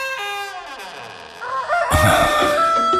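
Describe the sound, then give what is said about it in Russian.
A rooster crows loudly, a long harmonic call that slides downward before breaking into a harsh, raspy burst near the end. No one speaks. “Как, милый петушок, поешь ты громко, важно.”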